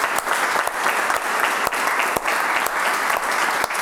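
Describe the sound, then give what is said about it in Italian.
Steady applause from a group of people, dense and continuous clapping at a fairly loud level, with no voices standing out over it. “Facciamo un applauso,”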